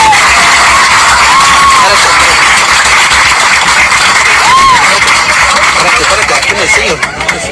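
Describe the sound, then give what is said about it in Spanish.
A packed crowd of airplane passengers claps and cheers steadily for several seconds, loud, with mingled shouting voices and a couple of short whistles cutting through the din, applauding a boy from Chiapas, Mexico, who took second place in the Aloha Mental Arithmetic international championship. “Ahora sí que reconociéndole su segundo lugar del chaparrito, que toda la gente lo ovacionó y toda la gente, la verdad que el niño no cabía en su calzón”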